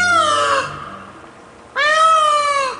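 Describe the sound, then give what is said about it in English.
Two loud, piercing peacock calls, each a harsh, nasal wail rich in overtones, separated by a brief quiet gap. The second call bends slightly in pitch as it trails off. “A peacock's tail is magnificent.”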